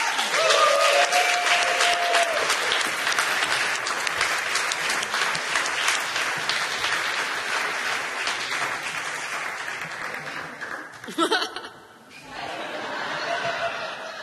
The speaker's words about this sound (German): Und es ist, Applaus bitte